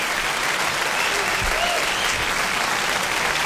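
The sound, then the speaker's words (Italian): Steady, dense applause from a crowd, many hands clapping in a continuous wash of noise at an even, fairly loud level, with a faint voice briefly audible underneath. “E ci sta pure un bel applauso,”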